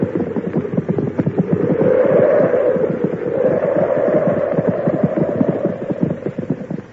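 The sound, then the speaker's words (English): A dense, steady clatter of horse hooves clip-clopping, several animals' steps overlapping into a continuous rhythm at an even loudness, with no voices, as horses, one named Brutus, are brought in to shelter from a snowy blizzard. “Oh, bring the horses in, too.”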